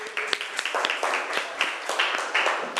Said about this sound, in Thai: กลุ่มหนึ่งยกมือแล้วนะคะเอาปรบมือให้กลุ่มหนึ่งหน่อยค่ะ